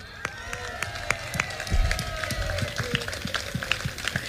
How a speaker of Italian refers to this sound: 100 anni, mamma mia, del gruppo Alpini di Castel Gomberto. L'applauso ci vuole doppio.